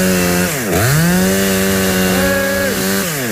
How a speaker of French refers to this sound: Parce que le danger, c'est que la tronçonneuse part, hein, c'est ça?